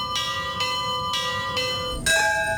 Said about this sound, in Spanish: Exactamente a la misma hora y como hace un mes, Colombia volvió a detenerse, pero esta vez para honrar la memoria. A las 7:34 minutos de la mañana, varias iglesias del país tocaron sus campanas.